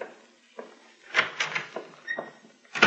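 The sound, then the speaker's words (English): A door swings shut with a knock, followed by a quick series of small metallic clicks and scrapes as a key is turned in its lock, with no voices. “She'd left her key in the door, so it was easy to keep her in. I took the key with me.”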